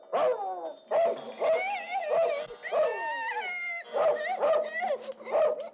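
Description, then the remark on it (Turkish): A dog barks repeatedly and fairly loudly in a steady run of about seven sharp, yelping barks, some rising into a higher, whiny pitch, because a thief has come to the house. “Tabii hırsız gelmiş ki köpek havlayı.”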